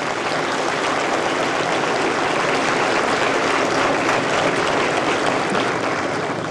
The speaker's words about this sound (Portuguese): Gostaria de solicitar palmas para esses mestres.